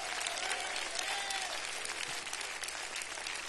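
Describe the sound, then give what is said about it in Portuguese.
An audience at a church service claps loudly and steadily for the Lord, a dense wash of many hands filling the whole clip, with faint cheers or voices rising underneath. “Dê uma salva de palmas para o Senhor.”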